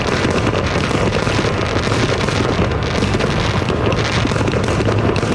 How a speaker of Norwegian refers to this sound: Fyrverkeriene har vært en del av feiringen siden 1777, altså året etter uavhengighetserklæringen. I dag lover USAs president tidenes fyrverkeri og show i landets hovedstad.